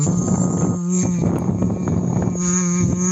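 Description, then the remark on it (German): A steady, low hummed tone is blown through a thick hose into a plastic bottle filled a third with tap water, making a continuous buzzy, gurgling bubble sound that holds for about three seconds without pause. “ist einfach nur eine Plastikflasche mit einem dicken Schlauch drinne und man macht die Flasche ein Drittel mit Leitungswasser voll und dann blubbert man hinein, aber in summender Art und Weise, das hört sich dann ungefähr so an.”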